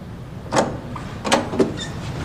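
A door is opened with a few sharp mechanical clunks and scrapes, one early and two in quick succession later, over a quiet background with no voices, after police call for the door to be opened.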